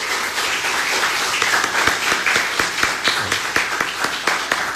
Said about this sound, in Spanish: para quien también pedimos un gran aplauso.